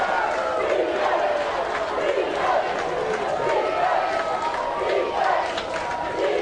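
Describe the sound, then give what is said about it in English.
A stadium crowd at a football game yells and chants for defense on fourth and six, a dense, steady roar of many voices that holds loud throughout, with shouted swells rising above the din. “The fans are yelling defense.”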